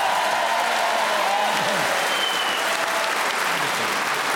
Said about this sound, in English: Well, that doesn't often happen, and that round of applause confirms their appreciation of your talent